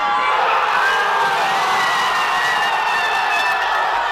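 A dense roar of Canary Islands fans of Spain cheering during Tuesday's World Cup semifinal, a sustained wall of many voices shouting and whooping together at steady high volume, with a few higher sustained cries rising out of the crowd.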